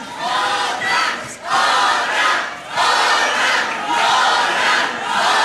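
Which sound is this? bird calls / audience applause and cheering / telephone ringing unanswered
audience applause and cheering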